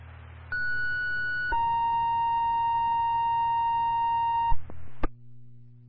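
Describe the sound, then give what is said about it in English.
Two steady electronic ambulance dispatch alert tones for Salisbury Ambulance over a radio channel, a higher tone for about a second, then a lower one held for about three seconds, followed by a sharp click and a steady background hum. “LCD 2, Salisbury Ambulance, what's your second tone?”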